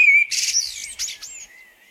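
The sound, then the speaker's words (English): A blackbird sings a short phrase: a clear whistled note followed by a quick, scratchy warbling flourish that trails off, with no other sounds around it. “He whistles and the world becomes blackbird, blue sky, song.”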